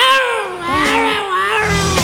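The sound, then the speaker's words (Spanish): A cat yowls in a long, drawn-out wail, its pitch wavering up and down without pause, while a young girl pesters it. It sounds fairly loud, with a little background noise underneath. “que mi hija deje tranquilo al gato. Se lo anda comiendo, saca ahora y no lo deja ¡Deja tranquilo tranquilo.”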